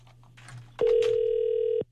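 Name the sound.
telephone ringback tone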